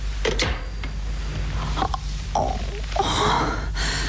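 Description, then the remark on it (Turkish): A woman who cannot breathe gasps for breath in a series of ragged, uneven, strained inhalations, growing heavier and more breathy toward the end over a low steady hum. “Nefes alamıyorum.”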